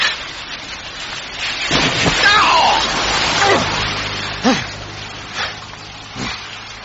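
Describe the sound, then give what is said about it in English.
Heavy rain hisses steadily while a loud splashing whoosh of several cars driving through standing surface water rushes past, drenching a man, followed by a few shorter bursts, with the man crying out in between. “The rain leaves so much surface water that Arthur is drenched in turn by several cars”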